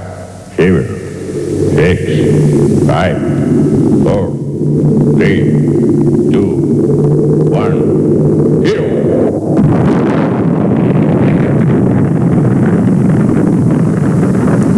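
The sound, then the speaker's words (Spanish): A rocket's engines roar at launch at Cape Canaveral with astronauts aboard: a loud, continuous roar rumbles with sharp crackles, swelling into a heavier, dense blast after several seconds, with indistinct voice-like tones faintly audible early on. “Cabo Cañaveral, todo listo para el lanzamiento. Astronautas a bordo de la nave. Motores en marcha.”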